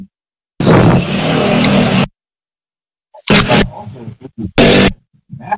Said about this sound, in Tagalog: Narinig yung mga motor, ha? Proof na yan na nasa labas ako.